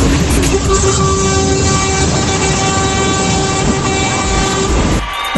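Many vehicle horns blare together in a buzinaço, a honking event: a dense, sustained chorus of overlapping steady tones at several pitches, loud and continuous for about five seconds before cutting off abruptly.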